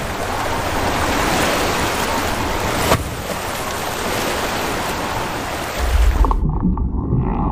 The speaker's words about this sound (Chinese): 这种庞然大物至少能发出7个8度音阶的音，按照一定的节拍、音节长度来演唱。雄性座头鲸会不断用歌声吸引配偶，拍动着前鳍，激荡水花，引吭高歌。